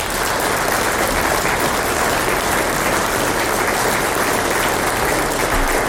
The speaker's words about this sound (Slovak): Na úvod sme si vypočuli … a …. Ešte raz poprosím veľký potlesk.